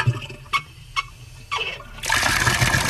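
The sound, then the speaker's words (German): A few short squeaks of a tap handle being turned, then water bursts out and runs steadily from a faucet, fairly loud, with no one speaking. “Hahn aufdrehen, Wasser fließt.”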